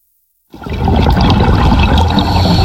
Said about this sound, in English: You and I hear a diver breathing underwater, but the diver in this coral reef in the Maldives is hearing something we can't.